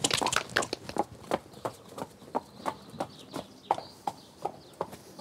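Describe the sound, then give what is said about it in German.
A horse trots off after a leg flexion test during a purchase check, with steady, even hoofbeats, a crisp two-beat clip-clop repeating several times a second with no voices, and faint bird chirps in the background. “Trab los wie ein junger Gott, ne?”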